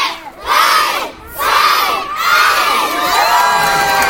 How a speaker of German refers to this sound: Mit lautem, begeisterten Geschrei stürmte eine ganze Meute Kinder die neue Burg in Oberstdorf. Die Burg ist der neue inklusive Spielplatz im Kurpark, direkt neben der Grundschule, der von Bürgermeisterin Chantal Schubert feierlich eröffnet wurde.